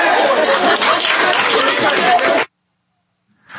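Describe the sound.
A loud crowd cheers and shouts together in a dense, sustained roar for over two seconds after a speech, then cuts off abruptly into silence before a voice briefly begins.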